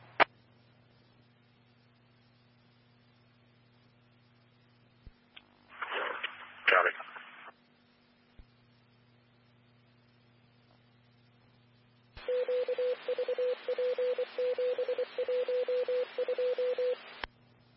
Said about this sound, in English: Tone for a driver. All personnel available, stand by for tones for a driver for Medic 122 Bravo.